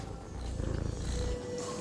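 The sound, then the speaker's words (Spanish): A cat purrs, a steady low rumble with a soft rhythmic pulsing that grows a little stronger midway, with no talking over it. “¿Ronroneas?”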